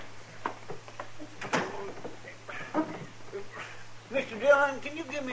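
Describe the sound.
A back door thuds shut with a sharp knock, followed by scattered clicks and rattles as it is locked. A voice speaks briefly near the end.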